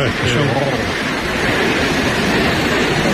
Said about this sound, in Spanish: Son 222 metros de caída en un circo de piedra fabuloso. El sitio en sí ya es espectacular, pero claro, si ves caer esa cola de caballo, esa cola de agua, pues más todavía. Vamos, que mira cómo suena, digo, es que mira cómo suena.